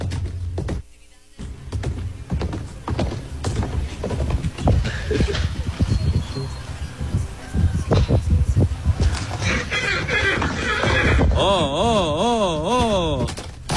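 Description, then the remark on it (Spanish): A quarter horse named Ares, stolen from a corral in the colonia Doctores, neighs near the end, a loud, wavering whinny that rises and falls in pitch, after a stretch of busy clattering and scuffling sounds with some voices in the background. “Y ese es Ares, el cuarto de milla que sustrajeron de allá, de un corral donde estaba persogado, de la colonia Doctores.”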